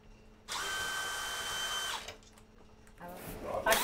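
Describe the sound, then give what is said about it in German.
A power drill unscrewing fittings whirs in a steady, high-pitched run of about a second and a half, pauses, then starts up again in a shorter, rougher burst. “Das abschrauben, das kurz wegschieben.”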